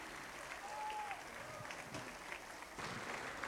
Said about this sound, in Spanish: Fuerte los aplausos.